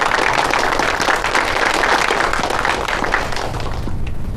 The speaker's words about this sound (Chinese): 哎，大家鼓掌，祝贺陈专员荣升。